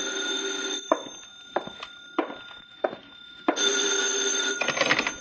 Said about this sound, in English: I've just finished shaving when the phone rings.